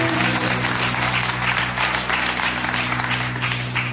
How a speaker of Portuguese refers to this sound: Palmas ao nosso Senhor Jesus, exclusivamente a eles.